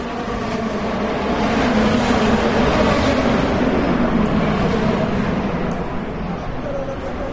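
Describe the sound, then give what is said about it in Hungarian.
Powerful race car engines, each up to 800 horsepower, roar in a dense, continuous wall of sound on the avenues around the National Mall and the Capitol during the Freedom 250 Grand Prix, echoing off the large buildings. Loud and sustained with a low droning growl that holds steady before easing slightly near the end. “Az amerikai kormányzat és múzeumi negyed hatalmas épülettömbjei jócskán visszhangozták és visszaverték az egyenként akár 800 lóerős motorok hangját.”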